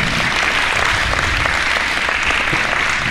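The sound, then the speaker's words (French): A crowd of people clapping steadily for a young girl, a dense, even patter of many hands that stays loud and sustained for the whole few seconds, with no voices standing out. “Eh bien, voyez, c'est à la fois très simple, on peut l'applaudir, cette petite jeune fille-là.”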